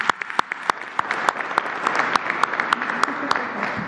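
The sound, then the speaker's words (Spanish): An audience gives a big round of applause for a woman being thanked for her work, a dense wash of many hands with sharp individual claps popping out irregularly throughout, fairly loud and sustained with no voices. “Un aplauso muy grande.”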